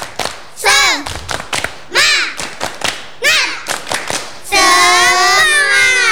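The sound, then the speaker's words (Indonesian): A group of children chant in high voices between bursts of sharp, rhythmic hand claps, then finish with a long, loud group shout. The children are doing the Indonesian 'tepuk semangat' clapping chant. “Tepuk semangat.”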